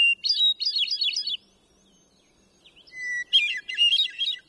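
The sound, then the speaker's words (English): Two clear, fluting hermit thrush phrases ring out from among silvery green fir trees, each opening on a pure held note before tumbling into quick, ethereal trills, separated by a brief quiet gap in an otherwise still forest. “Another mile along, and among silvery green fir trees, the crystalline phrases of a hermit thrush carry through the forest.”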